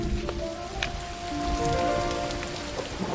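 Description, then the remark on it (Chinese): Steady rain falls continuously, a dense patter of drops hitting surfaces, with occasional louder splashes and a faint tonal hum running underneath. “这最近天天下雨，你们那公司还忙吗？”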